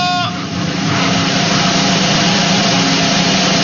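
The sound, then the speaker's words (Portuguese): A handsaw rasps through material in a loud, steady grinding noise, opening with a brief high-pitched squeal before settling into continuous scratchy sawing with no voices. “É o serrote, a ferramenta que o seu Juca tá usando.”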